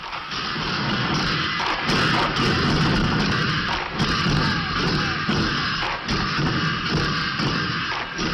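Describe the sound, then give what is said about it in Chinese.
A Kaifeng drum troupe from Kaifeng, China, performing: many drums pound together in a loud, dense, unbroken roar, driven by a steady rhythm with sharp crashing accents and brief surges about every two seconds. “听众朋友，现在您听到的就是震撼力、感染力雄冠华夏的开封盘古的表演录音。”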